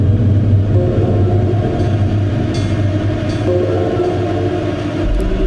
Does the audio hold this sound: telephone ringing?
no